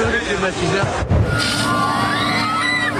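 Shoppers in a supermarket in the east of the country shout and clamour while fighting over air conditioners and fans, voices overlapping in a chaotic din, with a brief thump around the middle and scattered higher yells rising over the noise.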